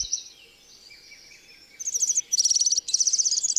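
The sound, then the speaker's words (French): A European serin, a very small songbird, sings a high, rapid, jingling, grating trill in bursts after a quieter opening of thin whistled notes, clear with no talking. “Mais bien particulier, c'est un tout petit oiseau qui se laisse observer facilement, perché sur les fils téléphoniques ou sur les arbres à proximité des maisons.”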